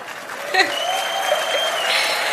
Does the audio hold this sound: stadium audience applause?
yes